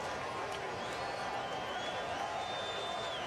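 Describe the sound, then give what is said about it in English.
A large Denver stadium crowd lets out a steady, dense roar of disapproval at the official's no-call after a collision between Kate Del Fava and Allie Brazier, loud and unbroken for several seconds, with a faint high whistle-like tone drifting above the noise. “Denver crowd not liking the no call.”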